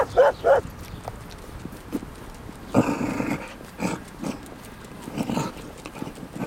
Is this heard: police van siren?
no